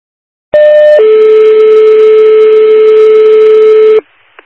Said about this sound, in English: So just a test. They were testing the alarms.